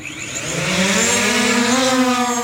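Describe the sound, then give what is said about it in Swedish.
A delivery drone takes off with a loud, steady buzzing whir whose pitch climbs gradually as its rotors spin up, filling the whole moment with no voices. “Take off!”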